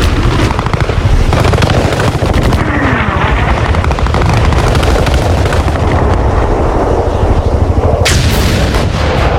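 An aerial dogfight in which Flying Officer Sekhon shoots down a Pakistani aircraft: dense, rapid gunfire rattles continuously over a low roaring engine drone, with booming explosions mixed in and a sharp blast near the end. Loud and chaotic throughout, no voices.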